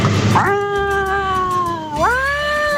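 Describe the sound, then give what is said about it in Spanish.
A cat gives a long, drawn-out meow, fairly loud, that dips in pitch and then rises into a second wailing cry, with no other voices. “Ah, no, un gato.”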